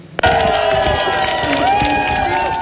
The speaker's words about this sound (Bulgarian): Бургазлии посрещнаха новината с овации